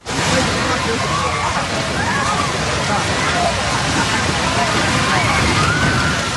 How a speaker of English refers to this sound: You can hear the screams, slightly muffled, but you could definitely hear the screams as that building collapses in front of the onlookers.